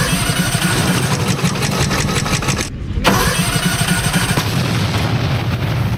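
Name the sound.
racing lawnmower engine starting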